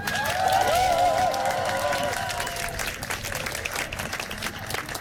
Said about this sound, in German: Ein großer Applaus für die Liebe.